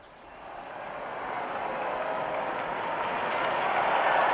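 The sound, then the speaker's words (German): A large crowd in Rome cheers the Holy Father in a steady, dense roar that swells louder over a few seconds, with no single voice standing out from the wash of noise. “Viele Menschen jubeln dem Heiligen Vater zu, der dieses Gebet mit uns nun beginnen wird.”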